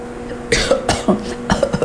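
A short fit of coughing, four or five harsh bursts in quick uneven succession, with no talking around them.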